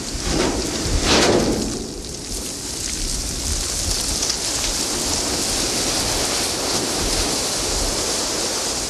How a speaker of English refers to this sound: In addition to there being, all these amazing things to look at that I would imagine would inspire music, there are also very cool sounds in Antarctica. Here's a recording you made of the ship hitting sea ice.